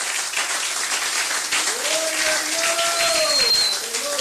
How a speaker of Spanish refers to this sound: Un aplauso a Cristo en esta bendita noche. Aleluya. ¡Oh, gloria a Dios! Déselo fuerte al Señor.